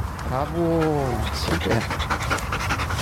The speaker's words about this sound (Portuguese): Estamos aqui então com a cobra. Exatamente, a cobra cai. É uma cadela da Companhia de Intervenção Sinotécnica. Cobra cai é uma cadela belga malinois.